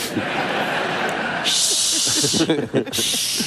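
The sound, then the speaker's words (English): Two long, loud "shhh" hisses from human voices, one after the other, with a brief gap between them and a murmur of talk and voices underneath. “Now all I hear is shushing.”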